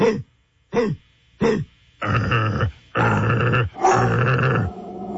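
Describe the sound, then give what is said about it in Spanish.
A dog gives three short, sharp barks, then lets out three longer, harsh, rasping growls. It is loud, with no talking. “Mi perra no ladra tan feo.”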